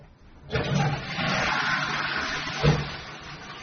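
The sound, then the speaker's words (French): A just-repaired toilet flushes: a sudden rush of water starts after a brief quiet moment and keeps roaring steadily, with a small clunk partway through, and no one speaks. “Tu as officiellement réussi à réparer la chasse d'eau.”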